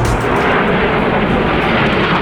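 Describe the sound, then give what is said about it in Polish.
A loud, steady jet roar fills the air, a dense rumbling rush of multirole fighter jets passing low overhead on a flight across Poland from Gdańsk through Warsaw, Łódź and Kraków, with no voices heard. “Wielozadaniowe maszyny przeleciały wcześniej nad naszym krajem od Gdańska przez Warszawę, Łódź i Kraków.”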